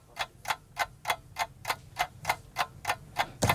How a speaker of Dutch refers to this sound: Ja, ik ga de klok aanzetten. Let op, dan komt hij maar eens gaan.